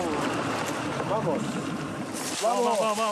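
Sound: boat moving on water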